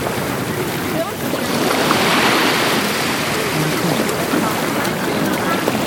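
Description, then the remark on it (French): Steady wash of sea water with a broad, rushing surge swelling in the middle, a low boat-like rumble underneath, and faint wind noise throughout. “Si on est sur la mer au-dessus, on entend le bruit des gens, le bruit des bateaux, des planches à voile.”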